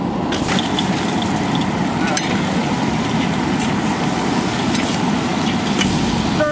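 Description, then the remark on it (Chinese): A steady, dense sizzle of large-piece Sichuan chili chicken stir-frying in a hot wok, with occasional scraping clicks and crackles as it's stirred, loud throughout with no talking. “炒个七成熟，下入辣子鸡，这颜色又比较鲜亮。”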